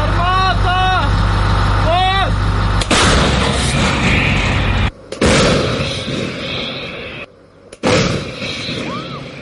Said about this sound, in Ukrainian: Щойно надійшла команда на відпрацювання. Зараз хлопці будуть бити по запланованим цілям. По ворогу мають випустити щонайменше 3 снаряди.